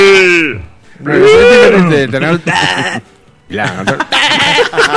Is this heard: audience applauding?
no